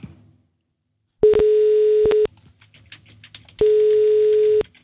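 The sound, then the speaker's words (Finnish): Two long, steady electronic ringback tones, each about a second, separated by a pause, as Finnish station Radio 957 calls a listener who wins concert tickets; faint clicks and background rustle fill the gap. “nyt on aika soittaa yhdelle, joka saa liput perjantaille luonnollisesti itselleen ja kaverilleen.”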